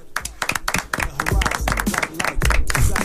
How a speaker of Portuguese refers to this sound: Pede palmas.